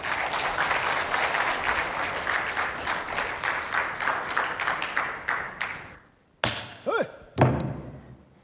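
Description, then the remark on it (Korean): A crowd at a Korean traditional music class applauds to welcome a teacher who will sing in the jungjungmori rhythm, steadily for about six seconds, a dense rapid patter of many hands that fades out, followed by a few brief thumps and a short rising vocal sound. “박수 좀.”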